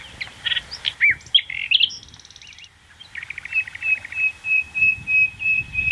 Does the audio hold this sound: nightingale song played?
yes